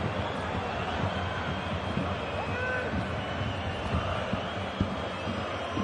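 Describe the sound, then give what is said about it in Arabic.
A stadium crowd at a Wolfsburg football match boos a push by Laimer, a loud, sustained, steady roar of many voices that stays at an even level for the whole stretch, with no single voice standing out. “كان هناك دفع من لايمر لذلك نسمع استهجان الجماهير وكذلك مدرب نادي فولفسبورغ.”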